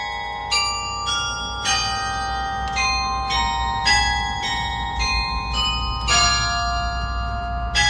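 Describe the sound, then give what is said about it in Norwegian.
The carillon in the bell tower of Nidaros Cathedral in Trondheim, Norway, plays Edvard Grieg's 'Takk' from the Lyric Pieces in honour of King Harald and King Håkon: a slow melody, each struck note blooming with long, shimmering overtones that overlap and linger, against a steady low outdoor rumble. “I dag spiller Domkirker klokkespill til ære for Kong Harald og vår nye Kong Håkon.”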